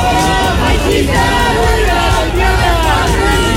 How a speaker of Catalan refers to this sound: Això havia de ser un minut de silenci i com sentim... Hi va haver alguna escridassada, alguns grups van retreure la presència d'ultres i l'ús polític que havien fet de la tragèdia.